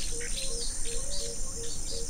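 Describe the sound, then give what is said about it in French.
Birds chirping in a steady run of short, repeated calls over a constant outdoor hiss, with an insect-like buzz, under a darkened sky with thunder rumbling; no one speaks. “Je vois tout autour de moi, tout est assombri, avec le bruit des oiseaux, le grondement du tonnerre.”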